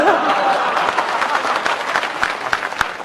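audience applause

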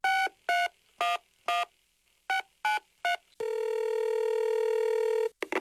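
telephone keypad dialing tones

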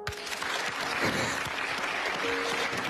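audience applause

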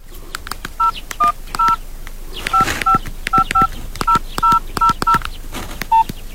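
telephone keypad dialing tones

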